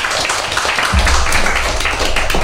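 Children clap their hands in a quick, uneven patter of many overlapping claps, fairly loud and steady throughout, with no talking over it.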